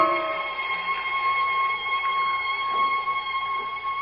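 A far-off bell tinkles faintly outside on a quiet night, its thin, high ringing tones held steady and unbroken for several seconds over a quiet, hushed background with no voices.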